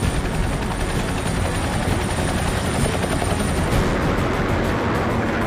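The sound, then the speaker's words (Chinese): A loud, steady roar of the air echelons of a Chinese military parade passing overhead, nearly 200 aircraft of 18 types in 10 formations, including early-warning aircraft, bombers, fighters, carrier-based aircraft and helicopters, with thick rotor chop and engine noise filling the whole clip and no voices. “新一代预警机、轰炸机、歼击机、舰载机、直升机等多型飞机均为列装后首次参阅。”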